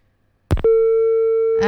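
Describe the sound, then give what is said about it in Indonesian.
A sharp click, then a steady, loud telephone busy tone holding for about a second after a caller's line cuts off during a phone-in to the Dendang Ranah Minang radio program on RRI Pro 4 Pekanbaru, with a voice starting to speak over it at the very end. “Terputus, sayang sekali.”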